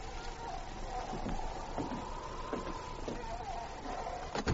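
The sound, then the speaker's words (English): A wooden cabin door creaks open slowly, one long wavering groan of the hinges stretching over several seconds, with faint bumps and rustle underneath and no one speaking. “Finally, he opened the cabin door.”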